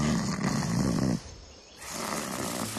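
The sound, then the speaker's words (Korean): A deep, throaty growl like a tiger or leopard rumbles loud and close for about a second, fades briefly, then resumes as a softer, lower rumble. “큰 고양이 과인데? 그럼 호랑이나 표범 같은 거.”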